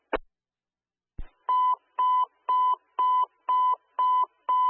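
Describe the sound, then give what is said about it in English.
Dispatch alert tones for paramedic 106 at Station 6: two sharp clicks, then a steady run of about seven identical mid-pitched beeps, loud and evenly spaced, with no voices. “Station 6, disregard the tones for paramedic 106, call as a BLS call 0041.”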